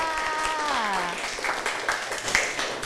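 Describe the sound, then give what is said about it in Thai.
A brief spoken voice gives way to students applauding a classmate for a correct answer in a classroom, a steady patter of many hands clapping at moderate loudness that continues to the end. “ใช่แล้วล่ะค่ะเก่งมากค่ะปรบมือให้เพื่อนค่ะ”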